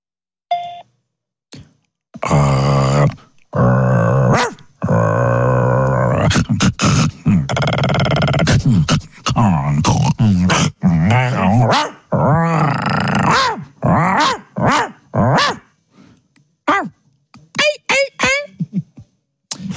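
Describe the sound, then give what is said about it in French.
A dog growls and grunts in a run of irregular bursts, with rumbling snarls and some higher, whiny, pitch-sliding vocal sounds between short pauses. “Il est con ce chien là.”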